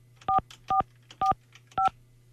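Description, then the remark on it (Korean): Four telephone keypad tones beep in a steady sequence as a number is dialed for a call to a regular landline phone, each a short dual-pitched electronic chirp, clear with brief gaps between, over a faint low hum and no voices. “다른 방학생 4445 일반 전화로 갑니다.”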